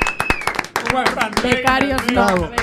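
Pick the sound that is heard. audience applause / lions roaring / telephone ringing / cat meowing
audience applause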